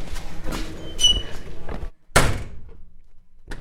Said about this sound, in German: An der Schule angekommen, geht die Tür auf.